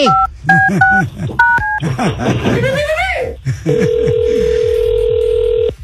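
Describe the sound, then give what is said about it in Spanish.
A quick run of touch-tone keypad beeps dials a number, followed by a long, steady electronic ringing tone, while people's voices and laughter carry on underneath. “A ver si contesta.”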